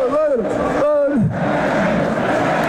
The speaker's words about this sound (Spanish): Le ha puesto a cantar a la plaza. Vamos a ascender, dicen.